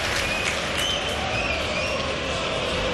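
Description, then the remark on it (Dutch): A steady wash of stadium crowd noise at a football match between Anderlecht and KV Mechelen, with light, hesitant applause for Anderlecht rippling through it, diffuse, with a few faint whistles rising above the murmur. “Voorzichtig applaus voor Anderlecht.”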